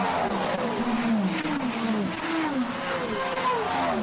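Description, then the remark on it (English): Several race car engines roar past one after another on a racing circuit during laps, their high whining pitch sweeping up and down as each car goes by, loud and continuous with no gap between them, under a sky with a bit of blue in it. “Varying noises of the engines going through, absolute quality.”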